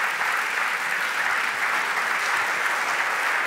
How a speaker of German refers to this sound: Und natürlich einen großen Applaus